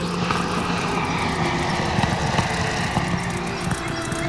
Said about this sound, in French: Quatre aéroplanes s'approchent de la terre.